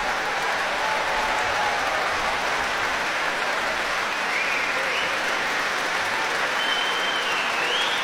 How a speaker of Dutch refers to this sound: En ook grote applaus nog weer voor de muzici van het Rotterdamse Philharmonisch Orkest.